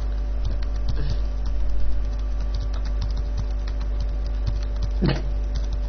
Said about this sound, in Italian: digita la password. E la sto sbagliando di nuovo. Sì. Me ne accorgo. Ormai me ne accorgo. E quando me ne accorgo a metà decido di interrompere e di scriverla da capo.